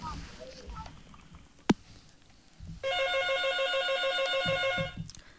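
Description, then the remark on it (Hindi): A phone rings steadily for about two seconds with a bright, warbling electronic tone, loud, preceded by faint background noise and a brief sharp click: an incoming call from a listener to a radio phone-in programme. “फेरि अर्को श्रोता साथी हामीसित आइसक्नु भएको छ, यहाँको पनि हामी फोन लिउँ।”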